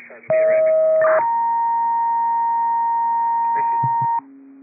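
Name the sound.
radio dispatch paging tones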